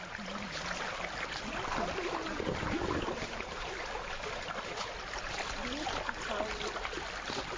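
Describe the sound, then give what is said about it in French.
Steady outdoor riverside ambience at 6 a.m. on the Mbomou River as about ten fishermen ready their canoes on the water, with continuous splashing and water movement and faint voices murmuring in the background. “Il est 6h du matin au bord de la rivière Mbomou. Ici, une dizaine de pêcheurs installent leurs pirogues dans lesquelles on voit des hameçons, des filets, mais très peu de poissons.”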